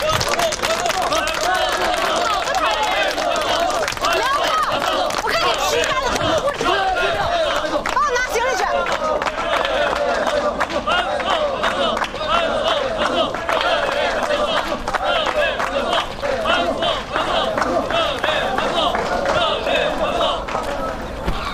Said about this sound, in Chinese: 好，鼓掌。